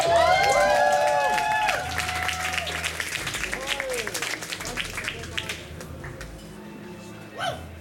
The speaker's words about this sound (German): Einen großen Applaus